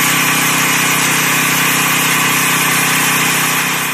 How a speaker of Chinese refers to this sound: 在桥城区双沟镇，种粮大户刘芷正利用无人机对自家的玉米及时进行飞防。